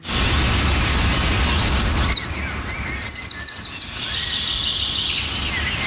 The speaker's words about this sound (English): Just like this one. Spend even the smallest amount of time outdoors, you will hear the sweet, gentle sounds of bird calls, chickadees, sparrows, warblers, wrens, or the white bell bird of the northern Amazon.